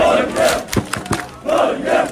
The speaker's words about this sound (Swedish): Det var full fest och stormande jubel i Oslos gator efter att Norge slog Senegal 3-2 i natt. Selv Slottsplassen var full av roende fans.